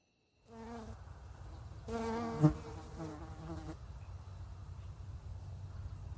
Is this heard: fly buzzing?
yes